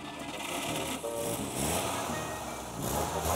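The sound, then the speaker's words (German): The engine of a small 1930s vintage car, a simple car without electronics, is started and rattles and chugs, running steadily with a busy, clattering rhythm for a few seconds; no one speaks. “Es ist ein recht einfaches Auto, keine Elektronik. Einfach nur Benzin, Zündfunken. Geht oder geht nicht.”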